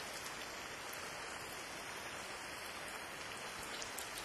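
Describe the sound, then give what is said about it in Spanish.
Heavy rain pours down steadily in a dense, even hiss, with the patter of drops on surfaces and no voices or other sounds breaking through. “Llueve muy fuerte.”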